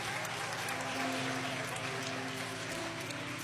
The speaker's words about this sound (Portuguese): Aplauso bem forte para Jesus.